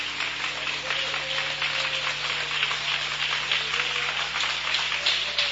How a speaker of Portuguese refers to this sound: Em nome de Jesus. Aplauda Jesus bem forte, bem forte, bem forte.